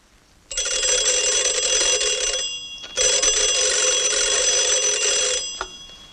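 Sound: telephone ringing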